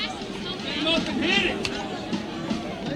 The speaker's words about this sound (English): I'm turning the crowd up. Maybe a bad idea if we're not getting the ref actually talking.